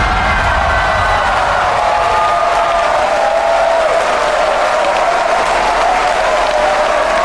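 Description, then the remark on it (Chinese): Loud, sustained applause from a large crowd welcoming a Butterfly International manager, a dense steady patter of many hands clapping at once for the full stretch, with a faint murmur of cheering mixed in. “让我们用热烈的掌声欢迎蝴蝶国际叶红经理。”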